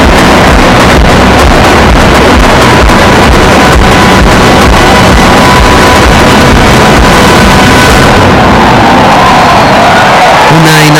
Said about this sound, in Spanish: canción que terminó así, con un espectáculo pirotécnico y la ovación que escuchan.